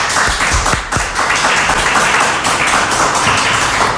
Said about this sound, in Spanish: He pedido el aplauso conjunto para evitar luego esas suspicacias de a ver a quién aplauden más fuerte, menos, ya sabéis.